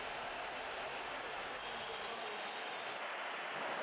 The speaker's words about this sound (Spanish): Algunos pitos, pero mayoría de aplausos en San Mamés a sus 3 campeones mundiales con España. Cuando han aparecido con la Copa del Mundo, un sector de la grada ha silbado, pero más han aplaudido.